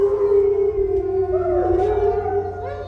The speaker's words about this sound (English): They're crepuscular creatures, which means they're most active at sundown and sunrise. That's when we hear them howl the most, as well as they'll howl overnight.